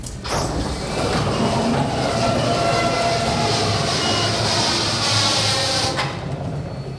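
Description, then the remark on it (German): A large industrial roller door of a factory hall at Rubner Holzbau GmbH in the south of St. Pölten, Lower Austria, rolls open with a loud, steady rumbling clatter, running for about six seconds before stopping abruptly. It sounds much like a passing train. “Was nach Verkehrslärm klingt, ist doch eine Tür.”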